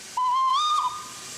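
A single steam train whistle on a museum railway at the Chamby stop, about 7 km above Montreux, sounds a steady, slightly rising tone for under a second, then cuts off, leaving a faint background hiss of steam.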